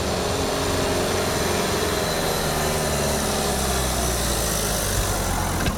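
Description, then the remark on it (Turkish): A car engine drones steadily and loudly as the car climbs a steep street, Kirazlı Sokak in Ankara, Turkey. It makes a sustained laboring hum with some higher whine under load, with no talking. “İnen araçların freni tutmuyor, çıkan araçlarınsa motor gücü yetmiyor.”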